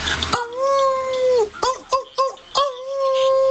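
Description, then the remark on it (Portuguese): A person's voice mimics a female dog in heat, letting out a long, sustained whimpering howl followed by a few short yelping cries and another drawn-out howl, fairly loud. “que cadela no cio.”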